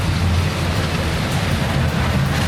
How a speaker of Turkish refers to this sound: Diyarbakır, Gaziantep, Şanlıurfa, Sakarya, sağanak yağış birçok ili vurdu. Sağanak yağış Diyarbakır'da hayatı felç etti.